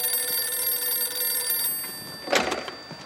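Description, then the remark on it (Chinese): A telephone rings with a steady, high metallic trill that holds for over a second and then cuts off, followed by a brief clattering knock as if the receiver is lifted. “给我接永州电话”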